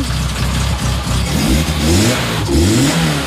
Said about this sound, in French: Ça, pour nous expliquer un petit peu, c'est une voiture qui date de quelle année? De 86.